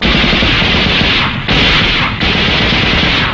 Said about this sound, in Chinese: 冯队长，你听，枪声。是李雄他们， 你怎么知道？ 一定是他们遇上了敌人了。